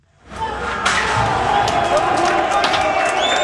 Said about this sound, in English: Cheers from the crowd as Albania's constitutional court building succumbs to a sustained onslaught. Pelted with rocks, its doors rammed open, and then the building set on fire.